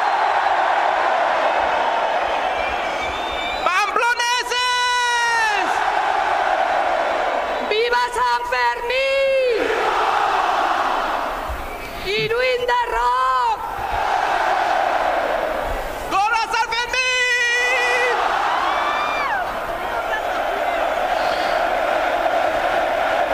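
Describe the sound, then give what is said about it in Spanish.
A dense festival crowd in the town hall square of Pamplona, Spain, at midday on 6 July at the opening of the San Fermín festival, awaiting the chupinazo rocket, roars continuously, with four loud surges of massed chanting and whooping voices rising and falling in waves over a constant wash of noise. “Sonido en directo desde la plaza del Ayuntamiento de Pamplona.”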